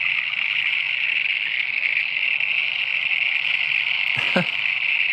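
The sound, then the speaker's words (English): A dense, unbroken chorus of many little frogs trills steadily at a high pitch, loud and constant throughout, with a brief low thump near the end; recorded while camping at Green Hill Lake, out of Ararat, after rain. “We were camping last weekend out of Ararat at a place called Green Hill Lake, and I took a recording of all the frogs.”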